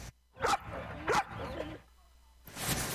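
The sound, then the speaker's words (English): A dog barks twice in quick succession, sharp, followed by softer whiny vocal sounds, then a brief gap before a rush of outdoor noise; at an outdoor pets festival in a dog park. “The 34th annual Pets in the Park Festival was held at Buena Vista Dog Park.”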